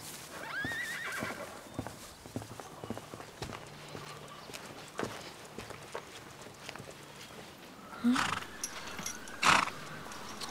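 A horse whinnies, with louder neighs rising near the end, while hooves clip-clop steadily and unevenly on a hard surface throughout. No one speaks.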